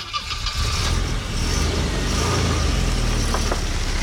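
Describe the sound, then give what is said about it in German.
A car engine runs steadily with a low, continuous rumble and mid-range hum, fairly loud, holding a constant level throughout with no speech over it. “Das gute alte Auto, gut, mittlerweile gibt es das auch ein bisschen leiser, wenn ihr zum Beispiel ein Elektroauto fahren solltet.”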